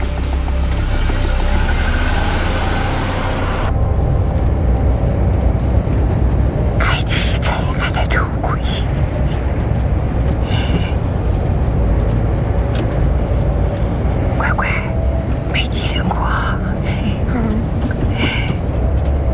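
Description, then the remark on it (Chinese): A cheap, battered vehicle rumbles steadily along the road, its loud low engine and road noise continuous throughout, with occasional rattling bumps and faint, muffled voices inside the cabin. “不好意思，那个车便宜点， 能到就行。 慢点， 便宜的好。 坐好了啊。 走吧。”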